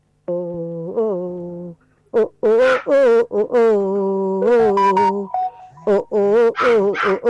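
A dog yowls along with a person singing part of the national anthem, in long, pitched, wavering howls broken by short yelps, loud, over roughly seven seconds.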